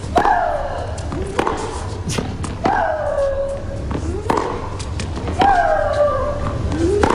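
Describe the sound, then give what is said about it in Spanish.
A tennis player, María Sharapova, lets out three loud, drawn-out shrieks that slide downward in pitch, exhaling as she strikes the ball, each paired with the sharp thwack of a ball strike, with more crisp hits scattered between them. “que disfrutaba estimulándose con esos gritos de María Sharapova, y es porque acompaña el golpe la exhalación”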